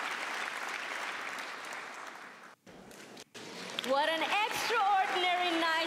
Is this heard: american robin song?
no